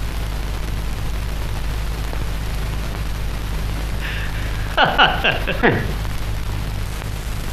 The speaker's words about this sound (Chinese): 怎么？你说外面下雨了？ 是啊，下的还不小呢。